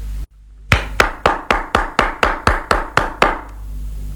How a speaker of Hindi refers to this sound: अरे भाई, अपने दोनों हाथों से ताली बजाओ। ताली तो दो हाथ से ही बजती है।